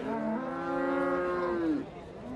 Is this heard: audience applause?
no